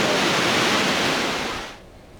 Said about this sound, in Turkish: Bizler de dünyanın en yüksek 3. şelalesi olan Tortum Şelalesi ailesindeki bu yoğunluğu ekranlara getirdik diyelim.